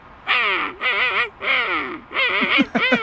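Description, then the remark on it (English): A man's voice imitates a king penguin call: four loud, brassy, warbling trumpeting bursts, the last splitting into quick rising honks, with short gaps between them. “I do bird calls”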